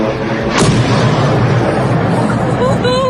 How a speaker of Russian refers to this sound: Под ударом оказался Орский НПЗ. Жители сообщают, что прогремела целая серия взрывов. Еще взрыв.